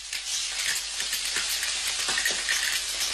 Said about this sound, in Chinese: 加入油锅内翻炒至香味弥散。加入自家田里的辣椒蒜苗，为这盘红火的农家小炒增添些许嫩绿的点缀。